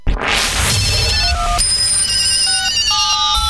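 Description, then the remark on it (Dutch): A telephone rings in a run of short electronic tones that step between several pitches, following a sharp whooshing crack at the start, all over a steady rushing noise bed with no voices, in an advertisement for Fahon Hindustani Radio. “Adverteer nu bij Fahon Hindustani Radio en bel met de afdeling sales.”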